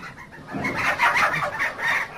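Several chickens cluck and chatter together in a busy, overlapping stream that starts after a brief quiet moment and keeps going steadily at moderate loudness, with no voices.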